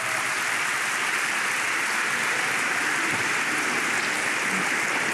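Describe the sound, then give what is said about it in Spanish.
An audience claps for the Lord in a dense, steady wash of applause that holds at an even level for about five seconds, with no voices heard over it. “Dele palmas al Señor.”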